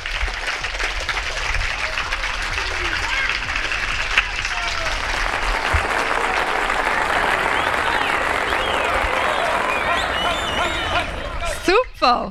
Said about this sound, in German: Darum finde ich, ist das ein riesen Applaus wert. Klatscht alle für euch selber. Bravo!